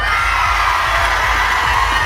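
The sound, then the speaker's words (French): A concert crowd at Le Fil cheers and shouts during a live concert broadcast on Active radio, a dense, steady roar of many voices, loud and unbroken throughout, with scattered higher whoops and yells rising above the wash. “Et ça mérite un maximum de bruit, le Fil !”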